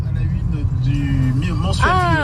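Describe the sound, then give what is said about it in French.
Steady engine rumble from inside a car driving a winding mountain road between Beaufort and the Lac de Roselend, a constant low drone throughout, with voices talking over it toward the end. “on t'écoute en voiture sur la route entre Beaufort et le lac de Roseland”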